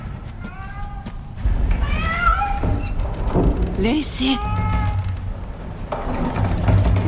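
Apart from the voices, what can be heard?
cat meowing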